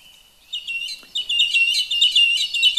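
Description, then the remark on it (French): A song thrush sings loudly, pouring out clear, varied, high-pitched phrases in quick succession, with no other sounds or voices around it. “Nous passons maintenant à la grive musicienne.”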